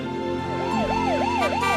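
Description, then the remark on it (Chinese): An ambulance siren wails in quick, repeating rising-and-falling sweeps, about four cycles, loud over a steady low background hum, with no voices, as the ambulance needs others to give way. “请您给救护车让个路。”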